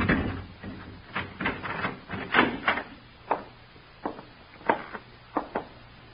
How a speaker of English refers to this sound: Here, open the door. Keys, sir? Yes, Larry gave them to me months ago. Go on, open the door.